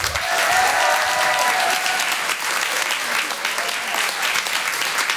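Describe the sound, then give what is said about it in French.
Sustained applause from a theatre audience at the Apollo Théâtre welcoming comedian Brahms on stage, a dense steady wash of many hands clapping at an even loudness, with a faint cheer near the start. “Merci d'applaudir très fort Monsieur Brahms.”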